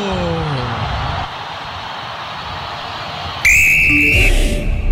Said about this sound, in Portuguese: Apita pela primeira vez, a bola rola na Arena MRV, é o Juventude quem mexe primeiro nela.